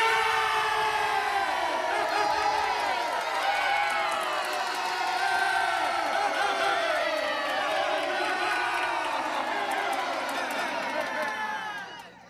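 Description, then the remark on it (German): A large crowd, the people of Israel, cheers and shouts without pause after King Saul drove the enemies from the land, many high voices overlapping in a loud, sustained roar of jubilation that fades away at the very end. “Er vertrieb die Feinde aus dem Land und das Volk jubelte.”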